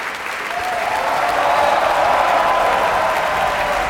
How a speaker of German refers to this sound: Das ist der Applaus für John Holiday in der Rolle des Ruggero. Große Begeisterung im Publikum.